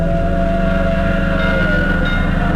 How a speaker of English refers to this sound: Oh, he's just slowing down for that train. But he only slowed down for a second. Look at him go. I know what he's doing. He's trying to beat that train to the crossing.